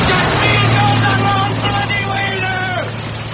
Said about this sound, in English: The rain leaves so much surface water that Arthur is drenched in turn by several cars.